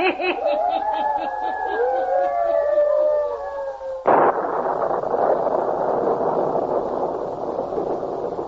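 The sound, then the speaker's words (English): The wind of a small electrical storm howls in wavering, rising and falling whistling tones, then abruptly gives way to a steady, loud roaring rush of stormy noise that continues to the end. “Still storming. Will it never let up?”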